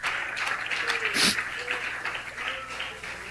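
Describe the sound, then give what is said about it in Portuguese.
A church audience claps steadily together, a dense, even patter of many hands that carries on for the whole stretch, with a few voices calling out above it. “Pode bater as palmas, meus irmãos.”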